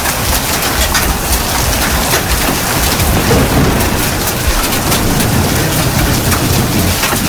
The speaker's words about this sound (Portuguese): Chuva de pedra aqui no loteamento Faquini.